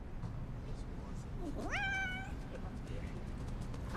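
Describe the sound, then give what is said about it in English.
A single drawn-out meow from Buttercup, a cat chasing a flashlight beam swirled to make him spin in circles in a bunker, rises sharply and then holds steady, standing out clearly against a constant low background rumble. “From her bunk, Katniss shines the light, swirling its beam to make the cat spin in circles.”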